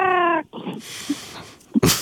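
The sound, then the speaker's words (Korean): A person imitates a crow's caw, made by vibrating the throat to attract a cat's attention: one strong, nasal call, then a stretch of raspy, breathy hissing, ending in a short harsh burst. “아, 고양이의 관심을 끌기 위한 까마귀예요?”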